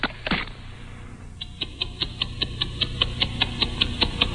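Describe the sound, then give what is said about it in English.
A Timex Ladies waterproof wristwatch ticks steadily after a torture test, heard through a very sensitive microphone, with sharp regular clicks about four per second after a brief rustle of handling at the start, over a faint background hum. “I'll take it off this baton, ladies and gentlemen, and I'm going to affix it to a very sensitive microphone, which will magnify the normally quiet ticking.”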